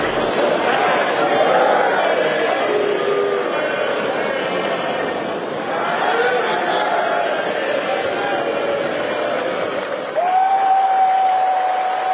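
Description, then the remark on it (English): A large crowd sings happy birthday to President Trump together, loud and a bit ragged, voices rising and falling over steady crowd noise before swelling into one long held final note. “How much do you think it was about, you know, the crowd saying happy birthday to President Trump, but let's play that.”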